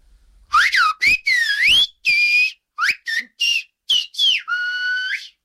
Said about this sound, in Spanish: ¿me puedes decir, me puedes poner, o sea, me puedes silbar Palo que trajiste, bastante que te lleva en silbo? Hombre, por Dios.